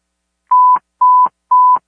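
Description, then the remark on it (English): Three short, identical fire dispatch alert tones beep at a steady half-second rhythm, each a clean mid-pitched tone with a slight click at its start and end, loud and clear with no voices. The dispatcher is re-toning Engine 3M and Medic 9 for a medical alarm call. “Retoning for engine 3M Medic 9.”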